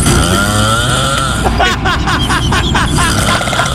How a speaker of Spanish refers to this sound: No mal, está roncando, se le metió el diablo. Oh, están podando el césped, están tumbando un árbol. Llegó el Circo Atay de Colombia. Ay, chico. Oye, parece cuando prende la motosierra.